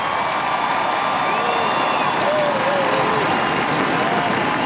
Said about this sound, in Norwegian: Endelig fikk folket på slottsplassen møte den nye kongefamilien. Og så startet applausen og jubelen, som ble sterkere og sterkere.